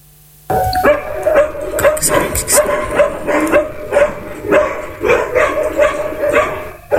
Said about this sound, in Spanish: Vecinos de la Villa Andrés Pipsevich denuncian que un grupo de perros han alterado la tranquilidad del sector, señalando ladridos incesantes y ataque a personas.